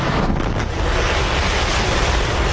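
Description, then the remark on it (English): A SpaceX Starship rocket launch's engine roar, a loud, steady wall of rumbling, crackling noise across the whole range, with no pauses and no voices. “SpaceX's massive Starship rocket reached orbit yesterday for the first time, achieving a milestone for the program, even though the company cut the mission short after an earlier engine failure.”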